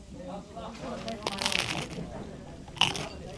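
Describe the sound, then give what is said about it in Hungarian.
A stovetop moka pot gurgles and sputters in uneven, crackly bursts of hissing noise, with a sharper spurt near the end, over a low murmur. “Ilyen hangot ad ki a kotyogós kávéfőző.”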